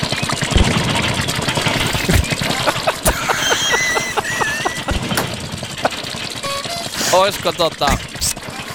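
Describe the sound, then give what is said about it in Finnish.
An old Opel Mokka with the older body style runs its engine for a diagnosis with a steady, rough rumble, punctuated by irregular sharp ticks and knocks, with brief squealing tones near the end and faint voice-like sounds underneath. “niin vanhakoppainen Opel-mokka kyseessä.”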